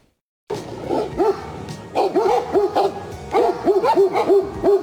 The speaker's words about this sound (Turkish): Sokak köpekleri ve ayıların kavgası kameralara işte böyle yansıdı. Görüntülerin adresi Ankara'nın Kızılcahamam ilçesinde bulunan Soğuk Su Milli Parkı. Başıboş köpekler dağdan yola inen ayılarla kavgaya tutuştu.